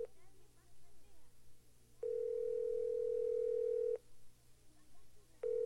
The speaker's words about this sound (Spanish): Voy a llamarlo por teléfono.